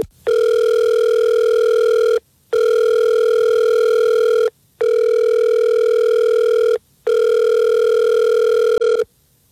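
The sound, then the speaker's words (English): A phone line ringing out as The Fred Show morning radio show calls a man: four long, steady electronic buzzing tones, each lasting about two seconds with short silent gaps between, loud and clear with no voices. “Let's call him right now. We'll see if we can get him on the phone.”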